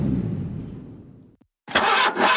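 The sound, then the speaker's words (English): An old car engine labours with a low, sputtering groan that fades out, goes quiet briefly, then bursts into loud, rough running. No one speaks. “My bucket just made a noise like a lion clearing its throat.”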